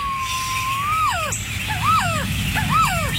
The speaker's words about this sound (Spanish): ¿Has escuchado alguna vez cantar a nuestra ave nacional? Aquí unos segundos de su canto.